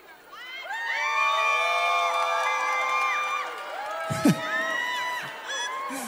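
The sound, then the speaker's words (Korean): A concert audience cheers loudly and steadily for about six seconds while the performer drinks water, many high-pitched voices shouting and whooping together, with a brief sharp burst near the end and possible clapping underneath. “이거 봐 아이가 오늘 오신 분들 수준이 높다니까 물 먹는데 막 박수 소리 나고 함성 소리 나오잖아.”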